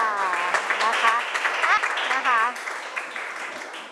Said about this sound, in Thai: ปรบมือด้วยค่ะ